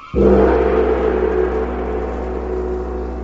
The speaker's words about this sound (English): But the sound of the great gong tells me I must lock the book once again.